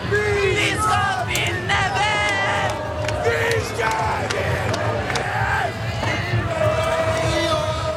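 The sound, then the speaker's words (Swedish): A dense, roaring crowd of many thousands fills the streets of Norway after Norway's win against Brazil, with continuous shouting, whoops and cheering, many overlapping voices rising and falling at a steady, loud level throughout. “En otrolig match, och vi kan lyssna lite på hur det lät när tusentals, närmare hundratusentals människor samlades på Norges gator.”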